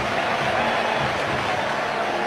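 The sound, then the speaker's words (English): A baseball stadium crowd cheering after a run scores on Alex Bregman's base hit to give the Cubs a 6-1 lead, in a steady, dense roar that holds at an even loudness for a couple of seconds, with no voices standing out. “Listen to this crowd.”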